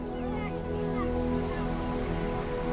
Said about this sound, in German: Manchmal muss man einen Weg durch die Dünen nehmen, um zu dir zu kommen. Beim Hindurchspazieren weht einem der Wind leicht durchs Haar. Und man hört schon hier leise das Meer rauschen.